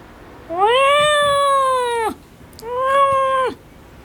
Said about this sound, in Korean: 도련님은 기골장대한 덩치와는 다르게 옷깃을 구르는 듯한 소리로 울었다. 어쩐지 고양이 같지 않은 소리였지만